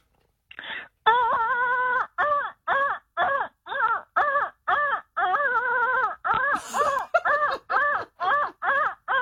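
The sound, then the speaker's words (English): A voice imitates a printer feeding paper: a loud, steady run of about fifteen short, nasal, tonal bursts, each wavering slightly in pitch, with no other talking. “You know when the paper feeds through and it sounds exactly like that.”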